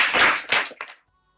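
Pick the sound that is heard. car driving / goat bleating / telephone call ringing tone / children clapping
children clapping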